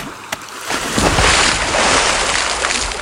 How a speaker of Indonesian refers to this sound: Kalau begitu saya akan lempar batu kecil ini di laut. Biar Malapat bisa keluar dari air.